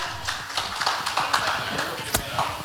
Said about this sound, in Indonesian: Ini dia dari RTB, RRI, dan RTM. Kita berikan tepuk tangan untuk tiga delegasi kita.